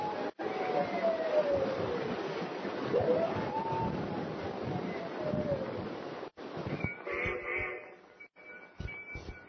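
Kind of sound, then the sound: animal, wolf or dog howling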